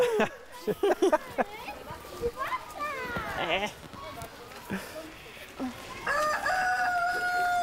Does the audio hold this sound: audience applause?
no